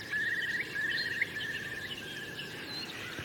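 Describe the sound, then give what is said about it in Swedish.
A Eurasian curlew calls on a cold morning of about 2–3 °C, over large open fields with a stream and forested hills around: two quick rising bubbling phrases followed by a fainter drawn-out trill, over a soft, steady outdoor background hiss. “Och storspåren.”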